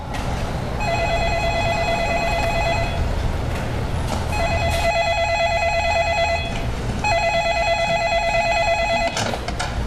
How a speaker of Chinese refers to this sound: 听见这里电话响了吗？